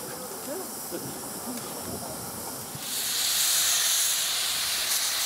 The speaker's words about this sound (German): Als Schiebelok begleitet uns ab hier die Masutka, eine ölgefeuerte Dampflok aus dem Museumsdepot Bratislava.